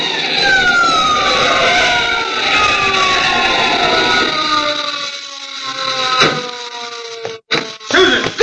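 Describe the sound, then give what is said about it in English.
A long, loud tire screech as a car traveling at about 70 miles an hour brakes hard at a roadblock, its pitch sliding slowly downward, followed by a few sharp thuds and jolts near the end. No one speaks. “Oh, I thought we'd both go through it when I slammed on those brakes.”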